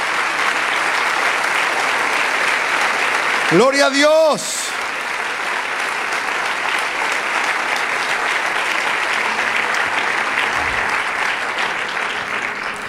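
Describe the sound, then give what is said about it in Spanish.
A standing audience applauds the Lord steadily for several seconds, a dense, even wash of clapping. Near the start, one voice shouts out an exclamation above the applause. “Fuerte ese aplauso al Señor, vamos.”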